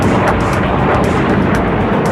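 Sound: F-35 fighter jet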